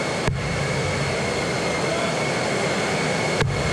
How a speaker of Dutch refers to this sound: Wade zal balen dat hij dat treinfenomeen nu niet eventjes op beeld vast kan leggen